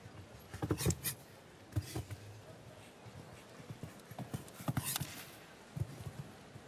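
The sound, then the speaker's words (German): The hooves of a 9-year-old show jumping horse clip-clop in irregular bursts of sharp, knocking strikes over a steady background hiss with no clear talking. “Das ist wirklich ja auch mit 9 Jahren noch ein Pferd, das ganz am Anfang dieser internationalen Laufbahn im Springsport steht.”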